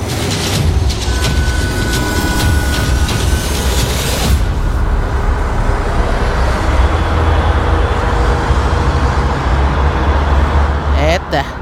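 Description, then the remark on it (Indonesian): Loud, steady road traffic: a continuous dense rumble of passing cars and engines fills the whole stretch, with a brief sharper sound near the end. “Yang bersuara dia berasa polusi nyampe studio.”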